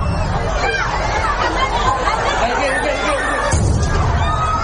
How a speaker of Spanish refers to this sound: En que se produjo una de esas explosiones que ha dejado, como decimos, más de 40 heridos.